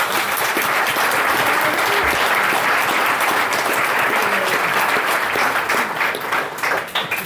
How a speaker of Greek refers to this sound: Και θέλω ένα μεγάλο χειροκρότημα